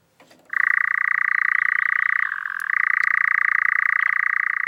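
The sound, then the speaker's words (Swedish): A nocturnal European nightjar's churring call: a continuous, rapid, mechanical trill held at a steady mid pitch, briefly dipping lower midway before resuming, loud and unbroken with no voices. “Den här nattaktiva fågeln, nattskärra, har en vingform som är en kompromiss mellan att flyga långsamt med en kvickt byta riktning när den jagar insekter och att flyga snabbt och effektivt när den flyttar på våren och hösten.”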